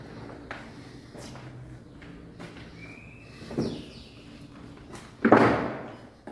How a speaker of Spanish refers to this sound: La puerta.